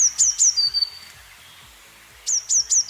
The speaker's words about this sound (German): Eine Blaumeise, genau.